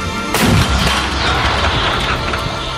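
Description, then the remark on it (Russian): A single heavy Soviet 85 mm anti-aircraft gun fires once, a sharp, powerful blast followed by a long, rolling rumble that lingers and slowly fades, with no voices. “Орудие! Выстрел!”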